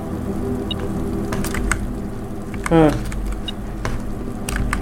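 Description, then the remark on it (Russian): Water runs steadily from an open kitchen tap, a constant rushing hiss with a low hum beneath, and a brief rising squeal cuts through midway. “Да, это открытый кран на кухне.”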